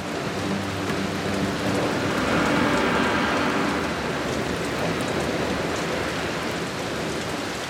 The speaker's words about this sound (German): Die Tropfen werden immer größer und immer schwerer. Sie drängen sich eng zusammen und können kaum mehr schweben. So schwer sind sie geworden. Bald kann die Wolke die dicken Tropfen nicht mehr halten. Es gibt einen Wolkenbruch.